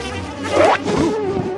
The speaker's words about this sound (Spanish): ¡Una abeja! ¿Cómo te encerraste tú aquí?